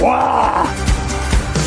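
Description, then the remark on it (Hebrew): A person lets out a loud, drawn-out growling roar in imitation of a leopard, followed by a couple of short rough grunts, outdoors at Nahal Namer (Leopard Stream). “רוצה להראות לנו שהוא שואג כמו נמר ושומעים את זה טוב פה.”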